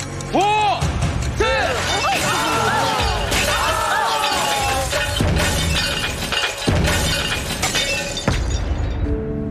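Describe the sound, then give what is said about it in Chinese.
A tall tower of glass cups with a car placed on top, built for a challenge, gives way and crashes down, with loud, continuous shattering and ringing clinks of breaking glass for several seconds, voices faintly audible beneath the din. “如果车体离开叉车笔距离过大，当玻璃塔崩塌时，汽车很有可能发生侧翻。”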